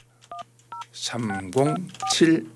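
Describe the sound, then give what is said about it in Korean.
Two short, evenly spaced keypad beeps as a phone number is dialed to call a listener during a radio program, each a steady mid-pitched dual tone, then a voice starts talking over a low, steady hum. “자, 어떤 방학생들을 하나님께서 만나게 해주실지 예 한번 전화를 한번 걸어보겠습니다.”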